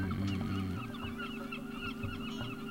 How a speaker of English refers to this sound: It's hard to talk over that, right? Yeah. It's so nice. The seagulls.